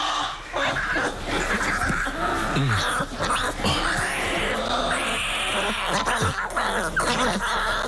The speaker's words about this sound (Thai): ลูกหมีจะเกิดระหว่างช่วงจำศีลมันจึงต้องร้องดังเพื่อขอนมแม่